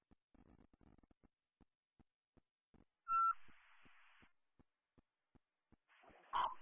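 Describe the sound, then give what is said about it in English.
A fire dispatch radio channel ticks with steady static clicks, then a short, loud alert tone bursts out, followed by a hissing carrier and a second tone blast near the end, toning out Station 9 for a commercial fire alarm at the Lake Ann United Methodist Church, 6583 First Street. No one speaks. “Sandy Central 2, Station 9, Second Tones, report of a fire alarm.”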